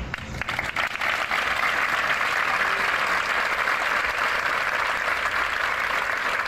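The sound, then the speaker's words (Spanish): A crowd applauds steadily at midday gatherings, marking the end of minutes of silence; a dense wash of many hands clapping that holds at an even, fairly loud level throughout, with no voices standing out. “Con estos aplausos han concluido los minutos de silencio que a mediodía han tenido lugar en diferentes concentraciones.”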